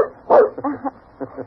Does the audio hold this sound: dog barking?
yes